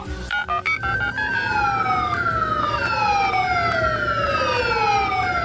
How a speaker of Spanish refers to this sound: ¡Ay, móvete de la ambulancia, por favor, que me hace mucho ruido!